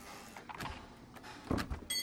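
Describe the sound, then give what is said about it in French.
The door of an engraver and screen printer's workshop is opened: a few short knocks and rattles of the handle and frame, a louder clunk near the middle, then a brief creak as it swings. “nous a ouvert la porte de son atelier.”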